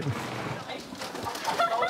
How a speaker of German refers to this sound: 6000 Hühner? 6000 haben die, ja.